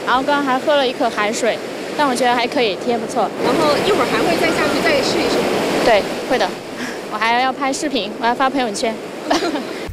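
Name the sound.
ocean surf waves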